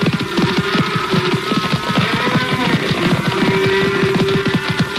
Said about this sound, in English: I reached the lone rider just ahead of the stampede.